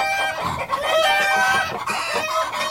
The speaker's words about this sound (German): Das fanden die Hühner so lustig, dass sie gar nicht mehr mit dem Lachen aufhören konnten.